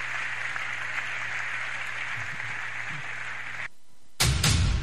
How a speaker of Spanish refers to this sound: Si ese aplauso es para mi Dios, déselo más fuerte, porque solo Él merece la gloria, solo Él merece la honra, solo Él merece la alabanza.